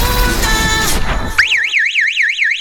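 An alarm goes off: a loud, high electronic whine sweeping rapidly up and down in a steady warble, cutting in abruptly after a second of dense, noisy music-like sound.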